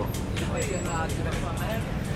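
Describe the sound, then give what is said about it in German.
Loud, chaotic city street traffic, a dense, unbroken roar of engines with sharp bursts cutting through and indistinct voices mixed into the din. “Und der Verkehr. Laut, wild und ungeregelt.”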